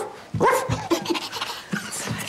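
A small dog barks several times in quick, uneven succession, with high-pitched, yappy barks and short whimpery tones between them. No one speaks.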